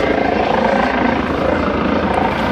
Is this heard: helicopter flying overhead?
yes